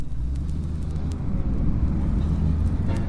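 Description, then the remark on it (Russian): Car engines sputter and rumble steadily in a low continuous drone, with a few faint, brief thuds of car doors slamming scattered over the few seconds as a group of people drive off. “Захлопали дверцы, зачихали моторы.”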